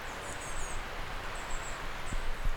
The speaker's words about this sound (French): Le brouillard ici s'est levé. Grand ciel bleu, symphonie de lumière et de ces petits gazouillis d'oiseaux.